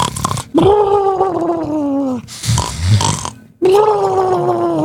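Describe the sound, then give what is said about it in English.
A person imitates snoring with two long, drawn-out, rasping vocal tones, separated by a rougher, breathy snort-like stretch, all fairly loud with no other talk. “That's not how I snored.”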